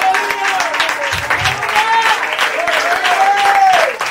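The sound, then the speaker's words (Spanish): An audience at a Christian church service applauds for the Lord steadily for about four seconds, a dense wash of clapping with voices calling out and rising over it throughout. “Entonces, mi amante, les aplauso al Señor, pues gloria al Señor.”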